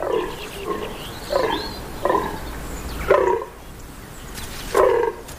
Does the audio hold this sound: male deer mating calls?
yes